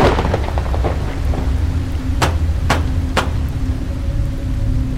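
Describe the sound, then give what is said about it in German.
Heavy rain pours steadily under a low rumble of thunder as a storm breaks over Blackwell's Island, with three sharp cracks bursting out in quick succession midway through. No one speaks. “Wie aus dem Nichts brach das Unwetter über die Insel herein.”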